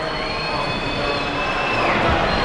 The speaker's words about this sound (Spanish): Silbidos en el público porque hubo un cambio en el Real Madrid.